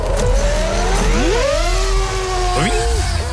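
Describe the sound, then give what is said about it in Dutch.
A racing drone filming at the Grand Prix in Austria buzzes high in the air with a loud, continuous, insect-like whine, its tonal pitch sliding up and down in smooth sweeps as it speeds along. “Ja, je hoort hem zo gelijk hoog in de lucht vliegen. Het klinkt altijd een beetje als een soort muggenkolonie.”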